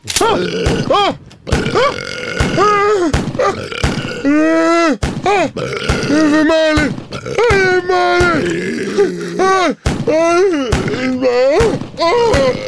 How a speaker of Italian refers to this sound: Lo chef Pentolaccia viene raggiunto da tantissimi rutti buffi e revolverate in volto.